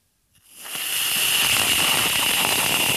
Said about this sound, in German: Das ist Sprühsahne in der Dose. Wenn man die raussprüht, hört es sich folgendermaßen an.